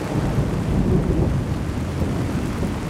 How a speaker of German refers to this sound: Eine biblische Sintflut. Die Regenmassen fließen in den Hof der Synagoge Oranienburger Straße in Berlin-Mitte.